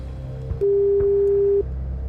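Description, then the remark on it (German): A single steady, mid-pitched ringback tone sounds for about one second over a quiet line hum, the burr heard while an outgoing phone call from radio station RBB 888 to a listener rings. “Und da rufe ich jetzt mal an. Es klingelt auch schon.”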